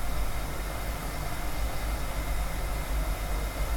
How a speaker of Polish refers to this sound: Ja gotowanie wody poznaję po tym. O, teraz się zaczyna zmieniać dźwięk.